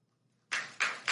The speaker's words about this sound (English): Notice, wow. Listen how slow the applause started. It was like, because he was waiting, and he had this look on his face, basically looking at them like, you better clap.